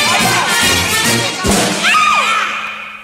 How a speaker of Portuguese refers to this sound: Lá vai bala, vou dar tiro.